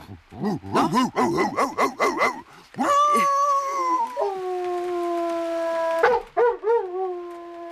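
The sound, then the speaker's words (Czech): A person imitates a headless dog, starting with a quick run of sharp, rhythmic barks, then drawing out into long, wavering howls, loud, with no other voices. “Já jsem dělával bezhlavýho psa.”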